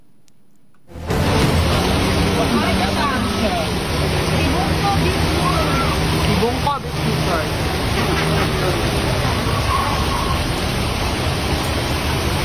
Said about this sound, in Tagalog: So, makita, madungog din mga tropa mga hagurus diya sa kusog kayo nga bulog sa tubig ulan.